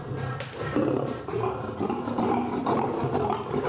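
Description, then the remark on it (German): A male lion named Gerard growls and rumbles continuously in his enclosure, with deep, throaty snarls rising and falling in loudness; no voices are heard. “Ungehalten wird das Löwenmenschen vielleicht auch, weil es draußen Gärtner und Gärtnerarbeit wittert.”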